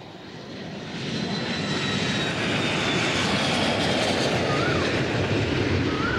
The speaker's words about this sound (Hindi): Fighter jet गया। कहाँ? कहाँ बेटा? अरे दादू, जितनी देर में आप बालकनी तक आएंगे ना, तब तक वो अपने स्टेशन पर भी पहुँच गया होगा।